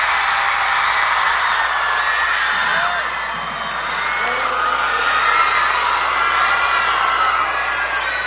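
A large audience applauds and cheers loudly and steadily for several seconds, a dense wash of clapping with scattered whoops and high shouts rising above it, no one speaking.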